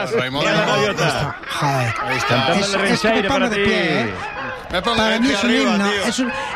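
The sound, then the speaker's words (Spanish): Seagulls call in a loud, busy chorus of harsh, laughing cries and swooping squawks that overlap nearly without pause. “Escuchar las gaviotas es himno, es un himno para mí.”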